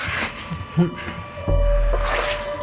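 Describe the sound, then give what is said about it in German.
A container of water is set down with a single soft thud, followed by a low steady rumble and faint background noise. Muffled voices may be present. “Ich stelle das Wasser einfach hier hin.”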